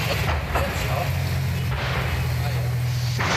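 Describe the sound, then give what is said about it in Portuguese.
Three sharp explosive bangs from a fire at a bus garage, where a row of buses is burning, burst out at irregular intervals over a steady low roar, with indistinct voices faintly present in the background. “Do lado de fora, dava para ouvir barulho de explosões.”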